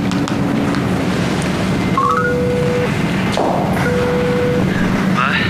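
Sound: telephone number being dialed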